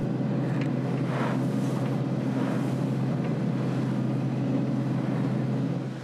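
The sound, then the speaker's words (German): A boat engine roars at full throttle as the boat heads back to Palworm, a loud, steady low drone with a constant hum and a wash of wind and water noise over it, running unbroken with no voices. “Mit Vollgas zurück nach Palworm.”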